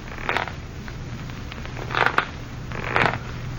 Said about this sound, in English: On the fifth night of our wait, we heard the rocking chair creaking, creaking, creaking.